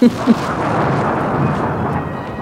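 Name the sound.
loud thunderclap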